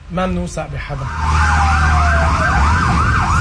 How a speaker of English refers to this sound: As long as the strikes continue, these sirens across the country will not stop.